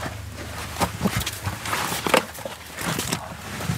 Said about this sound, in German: Ein paar Schritte geht es hinunter, dann umgibt den Besucher Dunkelheit. Ein unterirdischer Gang, vielleicht einen Meter breit und gut 1,5 Meter hoch, führt in den Gefechtsstand